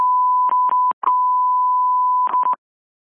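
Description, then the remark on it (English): A steady, loud electronic dispatch alarm alert tone, sent before a call dispatching a paramedic engine to a vehicle accident, holds for about two and a half seconds, broken by a few short crackling bursts near the start and end, then cuts off into silence. “Send it from the alarm.”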